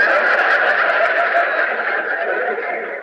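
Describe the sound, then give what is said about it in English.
A person imitates a horse's whinny, letting out a loud, sustained, quavering neigh that lasts about three seconds, with no other sounds around it. “Me, I'm playing the part of your horse.”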